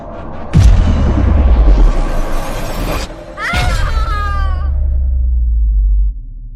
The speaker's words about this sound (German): Dann plötzlich ein ohrenbetäubender, schleifender Ton und ein wirklich furchterregender Knall.